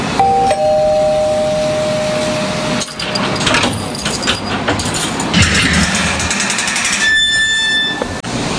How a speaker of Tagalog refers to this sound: Magdo-doorbell na lang ako. Malay mo, siya pa ang mismo magbukas.